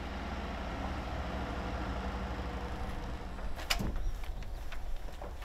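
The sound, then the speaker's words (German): In the morning in Westerland on Sylt, a delivery truck bringing ordered goods grinds its way in reverse up a sandy dune to the Beach House, its engine a steady, heavy low rumble throughout, broken by a short burst of clatter toward the end. “Der Weg zum Beach House, eine echte Herausforderung für jeden Lkw-Fahrer.”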